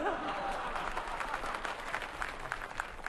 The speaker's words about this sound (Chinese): 什么叫喜欢我们俩呀？人家鼓掌是喜欢我们俩当中的一个。 哦， 对不对啊？ 大伙儿鼓掌是喜欢我们俩当中的一个。